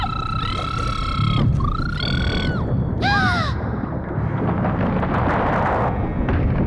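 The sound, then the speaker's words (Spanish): A mermaid's eerie wailing cry sounds in three drawn-out, harmonic bursts with sliding, bending pitch, rising over a steady roaring rumble of noise that continues alone afterward. “¿El alarido de sirena? Exacto.”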